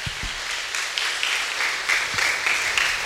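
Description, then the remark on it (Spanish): A crowd applauds steadily, many hands clapping at once in a dense, even wash of sound that holds at a fairly loud level throughout, with no voices over it, in honour of the solemnity of the Body and Blood of Christ at a church service. “Un fuerte aplauso a la solemnidad del cuerpo y la sangre de Cristo.”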